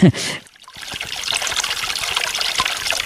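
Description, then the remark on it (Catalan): Water trickles and splashes steadily from a street fountain beneath a tree beside a cobbled street, a continuous babbling stream that starts after a short pause following a brief burst of voice at the very beginning. “Aquesta font, sota un arbre, baixem una mica per reportar el carrer i tenim un empedrat i tenim doncs, aquesta bonica font on raja aigua.”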